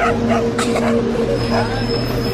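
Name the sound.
small dog barking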